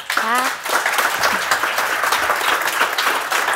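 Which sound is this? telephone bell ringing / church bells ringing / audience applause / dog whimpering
audience applause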